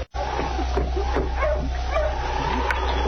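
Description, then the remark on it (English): A sled dog team barks and yips in short, scattered bursts as it stops in front of a trading post in Selkirk after coming down from Dawson. Several calls are spread over a few seconds over a steady low hum, with no talking. “It was the first part of the following week when Sergeant Preston and King, coming down from Dawson, stopped with the dog team in front of the trading post.”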